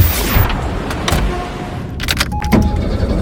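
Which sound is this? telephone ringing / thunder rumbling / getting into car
getting into car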